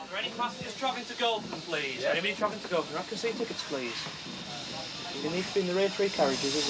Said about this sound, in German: Ausfahrt der Lok 4277 im Bahnhof Grammont. Beginn der knapp 30 Kilometer langen Museumsbahn North Yorkshire Moors Railway in Nordengland.